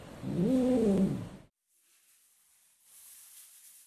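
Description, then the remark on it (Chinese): A weak, malnourished rescued male kitten named Miaomiao, separated from its mother and long hungry, lets out one drawn-out, plaintive meow, fairly loud, rising then falling in pitch, followed by a couple of seconds of faint background hiss. “由于与母亲走散，长时间饥饿，喵喵被救助时身体十分虚弱，状态低迷。”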